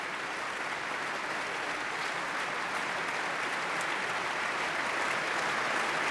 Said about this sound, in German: Der Applaus ist groß, riesig. Man würde es schon sehr wundern, wenn es nicht noch auch eine Zugabe gäbe.